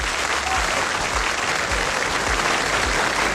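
An audience applauds steadily, a dense, even wash of many hands clapping at constant loudness for a few seconds, with no voices standing out.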